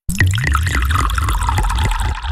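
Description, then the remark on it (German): Shower water running steadily and loudly, a dense hissing spray with faint splashing pulses underneath, lasting a couple of seconds with no voices. “Du hörst Radio Ton unter der Dusche.”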